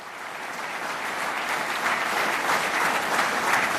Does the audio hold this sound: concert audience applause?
yes